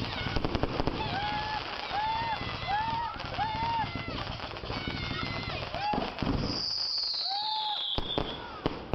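Fourth of July fireworks go off in a dense, continuous barrage of crackling pops. The pops are broken by several short whistling arcs and one long, shrill screech that trails off near the end. Loud throughout.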